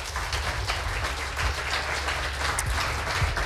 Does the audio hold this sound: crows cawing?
no